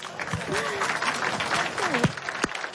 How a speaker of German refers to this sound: Ein Applaus